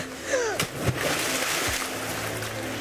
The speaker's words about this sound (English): Then shall I throw it in the river? Give it back. Give it back to me. Fine. No, it landed in the river.